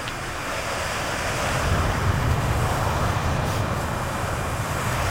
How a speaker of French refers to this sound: Enregistrement tissu de la chaise, prise 1.